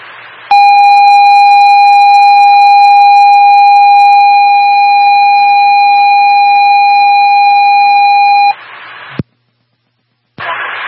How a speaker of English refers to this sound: stand by for automatic fire alarm.